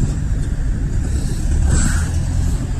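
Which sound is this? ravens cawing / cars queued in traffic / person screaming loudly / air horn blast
cars queued in traffic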